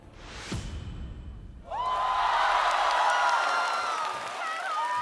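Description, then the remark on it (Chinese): A short whoosh-like reveal sound, then a live show audience bursts into loud, sustained cheering and whooping with high shouts rising over the crowd noise as a contestant's ranking is revealed, holding strong for several seconds. “又是一个全场欢呼的名次。”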